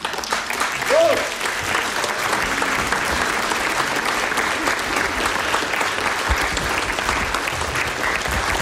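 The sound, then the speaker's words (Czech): Sustained applause from a large audience greeting a man as he comes on, steady and fairly loud throughout, a dense wash of clapping hands with a brief cheer near the start. “Ale když k tomu přijde ten chlapík, tak mu vždycky všichni tleskají.”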